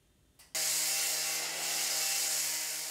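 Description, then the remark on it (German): Construction work at Wuppertal main train station in Germany: after a brief quiet moment, a power tool like a saw or grinder abruptly roars to life, running loud and steady with a droning whine, with no talking. “Laute Bauarbeiten da, wo eigentlich längst alles fertig sein sollte.”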